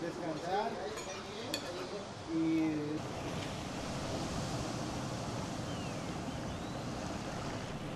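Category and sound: nature, ocean waves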